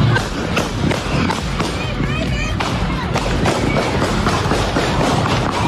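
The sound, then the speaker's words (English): Rapid, incessant popping of gunfire from a shootout at a popular festival in Ohio, in which 12 people were hit, cracks out again and again over a dense, noisy crowd, with shouting voices and loud background commotion throughout. “I mean, that incessant popping, that gunfire, just horrific.”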